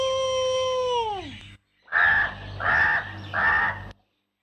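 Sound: crow cawing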